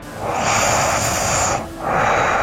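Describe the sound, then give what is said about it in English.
Heavy nasal breathing from a man asleep: a long, loud, rushing breath through the nose with a hissy edge, a brief dip, then the next breath starting just as strongly. No talking. “Some heavy nose breathing.”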